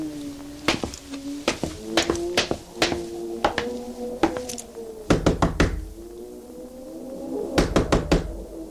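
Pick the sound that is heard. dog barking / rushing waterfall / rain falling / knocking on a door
knocking on a door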